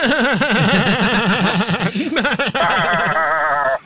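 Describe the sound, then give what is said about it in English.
A person imitates a crying sheep, a loud, continuous wavering bleat with heavy vibrato lasting several seconds, dipping briefly midway before rising into a higher, shakier bleat. “A crying sheep right there.”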